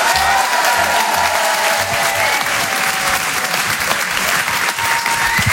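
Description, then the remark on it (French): Steady, loud applause from a large audience welcoming Bruno Robles of Rire et Chanson, a dense wash of clapping that stays even throughout with a faint murmur of crowd noise underneath. “Je vous demande d'applaudir s'il vous plaît, Bruno Robles.”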